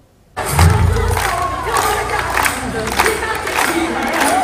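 A large crowd of children cheers and shouts loudly and continuously, with scattered clapping, at the opening of the 2026-2027 school year at the Leonida building of the Renato Moro comprehensive school; the lively, echoing din starts abruptly and holds steady throughout.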